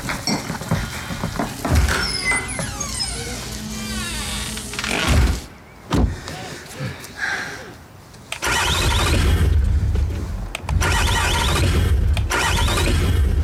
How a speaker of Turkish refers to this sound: Sorun ne? Araba çalışmıyor. Bir de anahtarı cebinden çıkarıp dene.